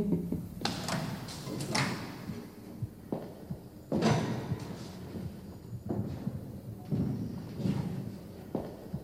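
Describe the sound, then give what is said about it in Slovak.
A door is banged shut several times, heavy thuds at irregular intervals with rattling between them, fairly loud, with no one speaking. “Keby ste vy toľko dverami netrieskali, nemusel by som to večne dávať dokopy.”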